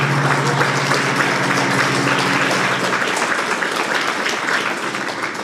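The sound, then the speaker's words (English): Sustained applause from an audience, a dense, steady wash of many hands clapping at once, loud throughout and easing slightly toward the end, with no voices. “You're clapping from happiness, or you're clapping because why am I again stuck here?”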